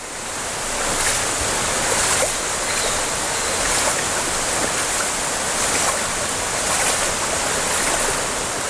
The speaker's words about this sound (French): Notre ruisseau est devenu une rivière qui elle-même s'est jetée dans un fleuve. La vitesse du courant a baissé